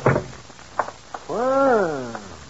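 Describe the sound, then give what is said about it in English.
A few sharp clicks and knocks from a latch, then a long, tonal creak of a door swinging open for an arriving guest, rising and slowly falling away, clear, with no talking. “And you breathe a sigh of relief as you open the door.”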